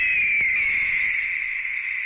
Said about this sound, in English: Even got a bald eagle right here in the CT40 studio sitting right by me. Yep, I'm not kidding. Her name is Patsy. Patsy, you want to say hi to everybody?